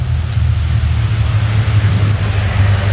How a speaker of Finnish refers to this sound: Seuraavaksi sitten tänne maaliin Teemu Suninen ja sieltä myöskin autokunta Suninen Hussi tänne saapuu